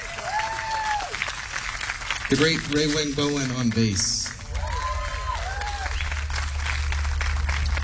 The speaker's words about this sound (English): Thank you so much to the Norman Depot for having us here. Give him a round of applause. That was his original composition entitled ….